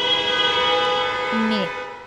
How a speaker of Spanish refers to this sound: En muchos puntos de la zona metropolitana, yo sé que están escuchando ese sonido, sí, el claxon, y que después nos provoca ese dolor de cabeza insoportable